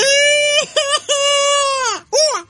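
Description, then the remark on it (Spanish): A person screams with joy, as a winner of the keys to a 2026 Nissan Sentra would: loud, high-pitched shrieks in several bursts, long wavering cries broken by two quick yelps and ending in a shorter final squeal, with no other sounds. “Eso, así va a gritar el ganador cuando leemos la llave de ese 2026 Nissan Sentra”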